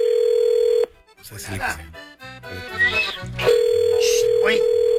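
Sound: telephone call ringing tone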